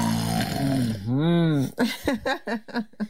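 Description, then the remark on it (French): A voice imitates a father snoring in his sleep with a drawn-out, rumbling vocalized breath that rises and falls in pitch, followed by a series of short, rhythmic voiced bursts, fairly loud. “Quand papa ronfle, il fait un bruit qui fait quoi?”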